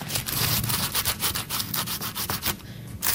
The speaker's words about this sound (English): You want to rub a big fat raw garlic clove over a big crusty piece of toast and then use a good amount of olive oil. The toast is toasted. Very crunchy.